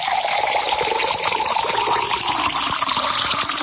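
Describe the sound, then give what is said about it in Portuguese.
Fresh spring water pours steadily into a cup, a continuous splashing and trickling stream that runs unbroken for a few seconds with no voices. “Vamos beber uma água aqui, ó. Opa! Essa aqui vem direto da fonte mesmo, né?”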